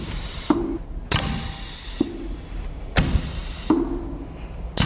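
A valve clatters open and shut at uneven intervals as it lets air through, each sharp click followed by a burst of hissing air and a brief low hum, over a steady background hiss.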